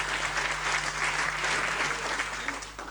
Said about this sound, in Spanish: y yo quiero que le demos un poco un aplauso a esa gente que hace eso siempre.